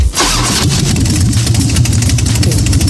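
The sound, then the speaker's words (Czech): A Harley-Davidson motorcycle engine cranks and fires up, then settles into a loud, lumpy idle with an uneven potato-potato rumble, heard alone without voices. “Jo, počkej, to jsou takový ty prdící motorky. No, ty Harleyky, ne?”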